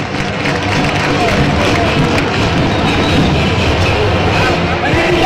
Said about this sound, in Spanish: Ahí está Peñaranda. Y la gente como lo aplaude, Manolo. Ahí está Peñaranda, el presidente le va a dar la camisa. Ya renovó 2027.